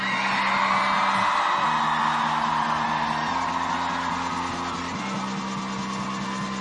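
Loud, continuous crowd cheering and applause with scattered whoops and yells from an audience at a live music show, cheering for a guest performer, running over a steady low droning tone that shifts pitch a few times.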